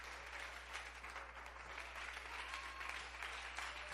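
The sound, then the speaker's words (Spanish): Steady applause for Jesus from an audience during a preaching service fills the whole stretch, a dense crackle of many hands clapping at an even level with no pauses, over a low constant hum. “Venga, dele aplauso a Jesús, que ella dice que sí.”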